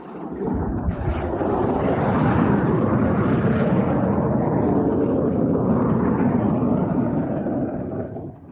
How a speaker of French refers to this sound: Ceci consiste à ce que des pilotes d'avions de combat s'entraînent à atterrir sur la piste comme ils atterriraient sur le pont d'un porte-avions